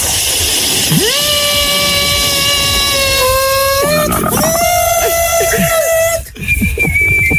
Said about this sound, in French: La bouilloire.